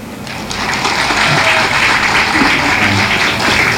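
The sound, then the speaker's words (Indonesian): A crowd at an RRI Endi talk show held in the yard of SMK Yosudarso Endi school breaks into applause, building quickly to a loud, steady wash of clapping that holds for several seconds, with a faint murmur of voices underneath. “Berikan tepuk tangannya.”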